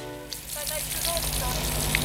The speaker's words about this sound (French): C'est de l'eau.